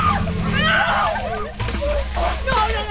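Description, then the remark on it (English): Water sloshes and splashes down in a steady, noisy rush while several voices shriek and yelp over it, as high school field hockey players in Wilmington dump orange buckets of freezing ice water over their heads for an annual Ice Bucket Challenge. “Down the line, players on the Wilmington High field hockey team dump orange buckets of freezing ice water over their heads as they take part in the 10th annual Ice Bucket Challenge hosted by the Wilmington Rotary Club.”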